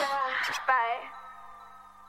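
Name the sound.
cat meowing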